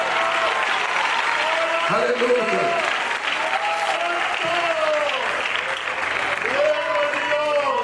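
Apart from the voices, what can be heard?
audience applauding loudly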